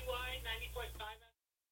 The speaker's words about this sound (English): It's the phone behind me. That's kind of funny. Someone's using the phone and then leaving a message. That's kind of funny.